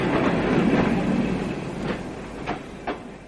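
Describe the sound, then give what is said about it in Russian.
Express passenger train number 34, a service from Moscow, rolls into a station on track one at the first platform with a dense, steady rumble, then a few rhythmic wheel clacks as it slows. The sound is loud, and no one speaks. “Скорый поезд номер 34. Сообщение Москва или Кмонар прибывает на первый путь в первой платформе.”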